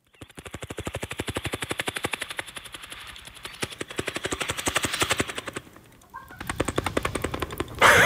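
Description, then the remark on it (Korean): A person imitates a helicopter with their mouth, producing a rapid, steady chopping pulse that flutters continuously for several seconds, briefly pausing before resuming, loud. “제가 헬기 소리 잘 내거든요.”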